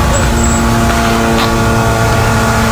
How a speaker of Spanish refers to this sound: ese sonido que no sé si se puede apreciar, sí, pero son los drones israelíes.